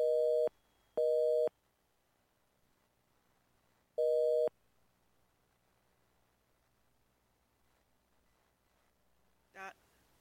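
A telephone busy tone on a radio phone-in line after a dropped call beeps three times, two quick pulses and then a third after a pause, loud, followed by faint line hiss and a short blip near the end.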